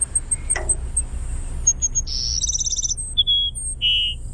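A Cassin's sparrow sings alone outdoors: thin high whistles and a rapid fluttering trill, followed by two clear drawn-out whistled notes, fairly loud over faint low background rumble.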